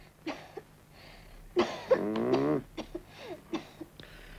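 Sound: child coughing on request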